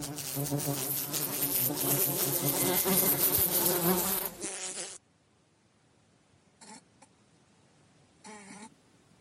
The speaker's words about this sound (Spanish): Desde hace años las están matando y dicen que no existen, porque estas moscas guardan la memoria de los que ya no están.